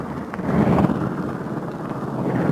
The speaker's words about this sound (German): Der Werkmonteur, ein flinker Mann, wirft jetzt schon den Propeller an.